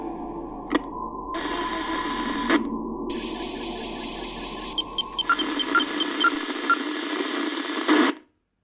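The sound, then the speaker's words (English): Crackling FM radio static of Radio Phrenia on 87.9 FM, with shifting layers of hiss, faint whistling tones and sharp clicks, like a dial sweeping between stations, loud and continuous before cutting off abruptly. “Cutting through the static of Radio Phrenia on 87.9 FM.”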